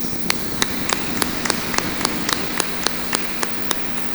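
An audience claps together in a steady, even rhythm, about a dozen sharp claps over a low continuous hum, with no voices.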